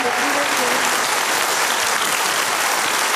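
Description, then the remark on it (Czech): Sustained audience applause welcoming nominated actress Libuše Švormová, a dense, steady wash of many hands clapping at an even loudness throughout, with no single claps standing out and a faint tonal voice-like trace early on. “Děkujeme za ten potlesk.”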